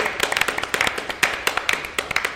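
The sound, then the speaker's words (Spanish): A small group claps for a couple of seconds, a quick, uneven patter of sharp hand claps, moderately loud, with no voices over it. “Un aplauso. Un aplauso, sí.”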